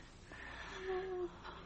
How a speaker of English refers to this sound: She's still breathing.